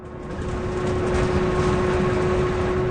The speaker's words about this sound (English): And that's why I want to take us on a test drive of an even better way to transport kids to school, one that doesn't create emissions. We're going for a ride on an electric school bus. Here we go.